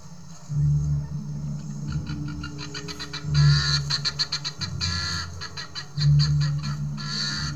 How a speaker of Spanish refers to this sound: Las gallinas de Guinea se amontonan. Es una muchedumbre formidable que grazna.